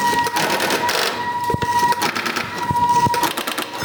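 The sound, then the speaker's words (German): Telephone dialing a subscriber number after the area code through a mechanical exchange in Tübingen: dense rattling and clicking of switching gear, with sharp clacks around the middle and a steady thin tone running underneath, fairly loud throughout. “jetzt wähle ich dann die 444”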